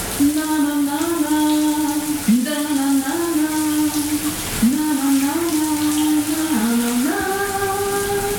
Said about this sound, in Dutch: De kraan gaat stromen. Hier, jongens. Lekker warm.